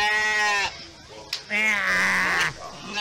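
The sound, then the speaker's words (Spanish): Two drawn-out, quavering sheep bleats, fairly loud: a short one first, then a longer wavering call after a brief pause. “Imagínate que tú estés contando una historia así bien chévere, de repente. Un borrego te diga.”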